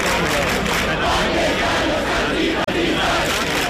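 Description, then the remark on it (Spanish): A large crowd of about a thousand people at a night-time housing protest at the Puerta del Sol, recorded in the early morning hours, roars and chants continuously at a steady, loud level, many voices blending into a dense wash of shouting, with one brief cut in the middle. “Sonido que nos llega esta madrugada desde la Puerta del Sol, donde cerca de 1 millar de personas, según el sindicato de inquilinas, permanecen acampadas por tercera noche consecutiva.”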